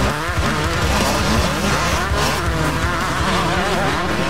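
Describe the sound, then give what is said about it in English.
Speedway racing motorcycle engines roar continuously, rising and falling in pitch as the bikes power and slide around the track at Fast Fridays Motorcycle Speedway, with no voices over them. “And the racing explodes onto the track at 8 p.m.”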